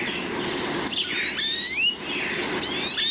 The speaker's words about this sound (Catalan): Verdum, Cloris cloris. Ocell que habita a camp obert tots els mesos de l'any.